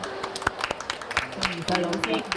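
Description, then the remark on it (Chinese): A small audience claps, a scattered patter of sharp hand claps running throughout at moderate loudness, with voices talking and calling out over the applause. The applause welcomes a well-known Hong Kong children's literature author. “给你掌声。”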